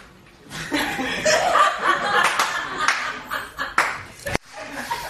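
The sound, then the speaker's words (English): A few sharp hand claps ring out at an uneven pace while people laugh loudly in the background. “Oh, I like the clap. Can you not do that?”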